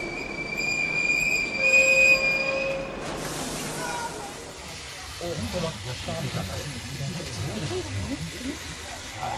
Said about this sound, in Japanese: それはとても辛い決心で、正しいかどうか確信はありませんでしたが、ともかく私たちは列車に乗り込み、狭苦しい不自由な状態で何キロも走った後、やっと止まりました。